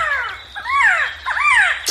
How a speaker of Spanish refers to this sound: Así canta nuestra ave nacional, el Quetzal. Hermoso canto, ¿verdad?